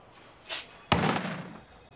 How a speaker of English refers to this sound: At the hospital, George approaches a door and stops. He considers for a moment. Then he clenches a fist and pushes the door open.